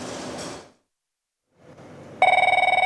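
A loud telephone bell starts ringing abruptly, a rapid rattling trill with strong harmonic tones, after a stretch of hissy noise and a brief silence.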